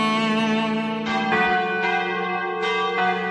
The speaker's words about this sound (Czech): Naša zvona.